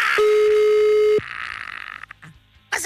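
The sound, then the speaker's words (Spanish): A single steady telephone ringing tone of an unanswered call sounds loudly for about a second, then cuts off sharply, leaving a stretch of hissy line noise with a few faint clicks. “A ver si nos contesta. Si no, le vamos a marcar por WhatsApp.”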